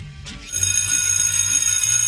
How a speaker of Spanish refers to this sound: El timbre vuelve a sonar, pero esta vez no hay fila. Continuamos sin saber si anuncia la entrada o la salida.